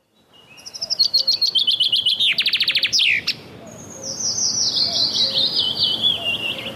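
A common chaffinch sings loudly: a rapid, accelerating cascade of bright notes ending in a quick flourish, then a second run of descending, trilling phrases, with no voices.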